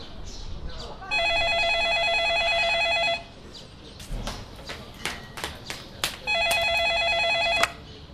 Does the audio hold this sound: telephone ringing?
yes